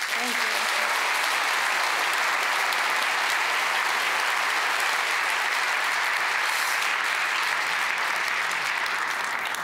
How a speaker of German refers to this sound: Einen ganz großen Applaus und auch natürlich herzlichen Glückwunsch an das gesamte Team